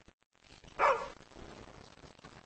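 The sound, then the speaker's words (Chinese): A single sharp bark from the pet dog Xiao Qiao, followed by a low, noisy background with faint movement and no talking. “啊，小乔到了一个新环境，可能不太适应，咬了我一口，没事儿。”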